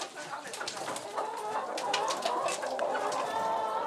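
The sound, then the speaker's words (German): Busy poultry chatter fills the chicken coop, a steady mix of clucking and short calls from several hens and a black rooster, with a faint rustling background and no clear speech. “Jetzt schnell in den Stall. Auf die unternehmungslustigen Hühnerdamen passt jetzt erst einmal der schwarze Hahn auf.”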